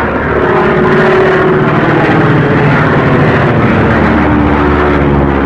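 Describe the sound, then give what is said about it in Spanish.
A small propeller plane's engine drones loudly and steadily throughout, its buzzing hum layered over a constant rushing roar like wind and rain from a storm. No one speaks. “comprendía que la avioneta no tenía capacidad para ascender más”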